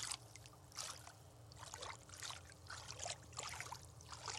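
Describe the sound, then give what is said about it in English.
Water trickles and gurgles in uneven bursts as a container is filled at a rock in the river at Kamyai, where the water is low after the summer, fairly soft with a low steady rumble underneath and no talking. “I'm gonna just fill the water, see how the water fills.”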